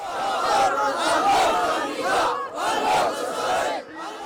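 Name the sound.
rally crowd chanting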